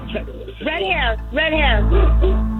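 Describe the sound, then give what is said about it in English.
A dog barks a few times, each bark drawn out and slightly yowling, with a steady low hum running underneath. “Even the dog is answering.”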